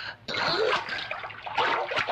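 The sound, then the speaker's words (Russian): Water splashes and sloshes steadily in a bathtub as Shuleikin rinses foam off, with a tiger beside the bath, a continuous wash of noise starting after a brief quiet moment. “Около ванны тигр. Шулейкин смывает пену.”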